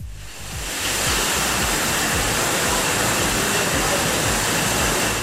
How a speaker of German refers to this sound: Ja, man hört es, hier rasen gerade die Wasserflaschen übers Band. Bei dem Getränkehersteller in der Südpfalz ist gerade absoluter Hochbetrieb.